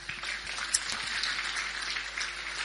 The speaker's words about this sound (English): So please give Hamilton a big round of applause.